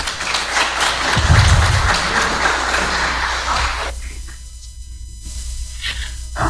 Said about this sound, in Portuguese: Vamos aplaudir o Arimateia.